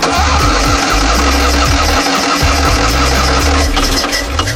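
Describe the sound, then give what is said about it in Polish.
A Fiat 126p (maluch) small car engine running loud and rough, a low throbbing rumble with uneven, sputtering bursts and shifts in pitch as it revs, recorded as the first Fiat 126p rolled off the production line; no voices. “Mam to nagranie z pierwszego zjazdu malucha.”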